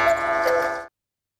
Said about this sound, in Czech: Samozřejmě k holubářským hodinám by se spíš než zakukání hodilo zavrkání, ale holubářské hodiny žádný zvukový ptačí efekt nenabízejí.